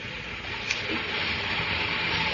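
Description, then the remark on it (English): A steady, dense rumble and hiss fills the platform at Newcastle Station in May 1930, a few minutes before train time, with a train idling or moving and one brief clank near the start; no voices are heard. “when the two men, one wearing this particular shoe, walked along the platform at Newcastle Station. It was a few minutes before train time as they made their way along the platform.”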